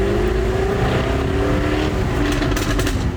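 An ultra-rare Jaguar sports car engine roars loudly during a tour around Lerwick, the car being the star attraction at the Classic Motor Show: a deep continuous rumble with steady droning harmonics that holds for the whole stretch, with no voices.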